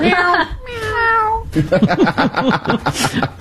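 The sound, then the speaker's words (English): Two short, drawn-out meows sound fairly loud, the second sliding downward in pitch, and then people start talking right after them. “It's just a little meow.”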